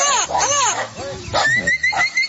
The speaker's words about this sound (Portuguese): Que Deus conceda forças para todos que vivem do campo e solta o som do papagaio boiadeiro. Papagaio boiadeiro aí na tela pra vocês, estão ouvindo a programação.